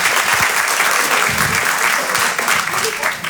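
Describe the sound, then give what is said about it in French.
Sustained audience applause, a dense, steady wash of many hands clapping at an even loudness for a few seconds, with a murmur of voices mixed in. “Il m'a applaudi, j'ai mis une coloscopie, bravo, bravo.”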